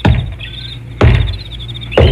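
Three solid knocks on a door, spaced about a second apart, each a resonant thud that rings out briefly before the next. No one speaks.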